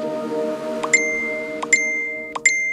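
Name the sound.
mobile phone notification ping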